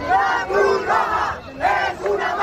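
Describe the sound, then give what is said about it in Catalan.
A crowd of protesters shouts slogans in unison, calling the Red Cross a mafia: loud rhythmic chanting in repeated bursts with brief dips between phrases. “A crits de la Cruz Roja és una màfia.”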